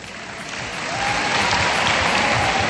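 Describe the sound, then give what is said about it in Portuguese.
An audience at a session claps for those from the Penha campus, in a dense, steady patter that swells noticeably louder after the first second and then holds at full strength, with no voices standing out. “Daqui por Palmas, quem é do Campos da Penha?”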